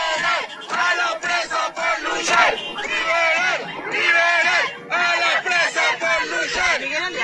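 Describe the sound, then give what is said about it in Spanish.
A crowd shouts chants for freedom for imprisoned comrades in unison, many voices rising and falling together in loud, rhythmic bursts with brief dips between phrases, continuing throughout. “Gritos de libertad para los presos, para las presas, para todas las compañeras, compañeros, compañeres que están secuestrados en las cárceles, que no pueden estar despidiendo a la compañera Luisa.”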